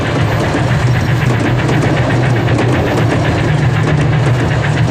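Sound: train pulling into station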